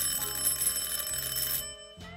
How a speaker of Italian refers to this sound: Sono le 10:15 e di colpo suona il campanello della porta. Un suono lungo e deciso.